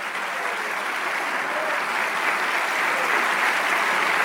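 An audience applauds steadily, a dense wash of many hands clapping that holds at an even, loud level for the whole stretch, building slightly toward the end, with no voices audible.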